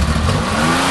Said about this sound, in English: Do you have a car that sounds like this?